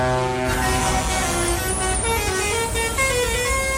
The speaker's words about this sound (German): Seit dem Vormittag gehört dieses Bauernmarktgelände niemandem sonst außer den LKWs. Die Mission Teddybär 1.4 ist hier wieder mal zu Gast. Und als die Herrschaften losgefahren sind in Villach, gab es ein riesengroßes Hubkonzert.